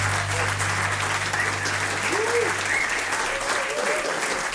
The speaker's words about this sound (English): Turn off the applause.